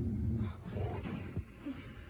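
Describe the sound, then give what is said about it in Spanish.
A low, rumbling, menacing tiger roar, a new roar drawing nearer, rolls on for about two seconds, deep and growling, fairly quiet and without any talking over it. “Trató de controlar su angustia, pero un nuevo rugido amenazante más cerca se dejaba escuchar.”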